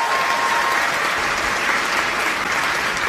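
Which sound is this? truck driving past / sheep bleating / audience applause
audience applause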